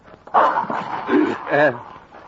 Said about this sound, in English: Oh, he looks mean. And big. What kind of dog is that? It's a mastiff.